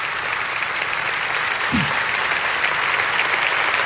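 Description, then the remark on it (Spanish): A church audience applauds for Jesus as their Saviour and Lord, a dense wash of many hands clapping at an even, sustained level throughout, with no single voice standing out. “Dáselo a Jesús, porque si alguien merece un aplauso es nuestro Salvador y Señor.”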